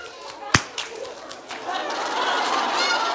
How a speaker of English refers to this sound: Wow! I'm going to give you a clap. You are so good. Wait. Ready for a clap?